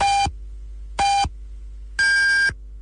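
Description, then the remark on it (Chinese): Radio time signal pips marking 14:30 Beijing time: two short, evenly spaced beeps a second apart, then a longer, higher-pitched final tone, all clear and prominent with nothing else around them. “北京时间14:30。”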